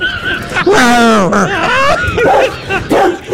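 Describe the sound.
A voice imitates a big dog barking, with a few loud yelping barks rising and falling in pitch, separated by brief pauses.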